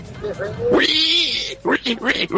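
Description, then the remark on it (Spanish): A piglet named Gaspar lets out one shrill, loud squeal lasting under a second, with people talking just before it and right after it. “Es un chanchito que se lo van a comer para el 18.”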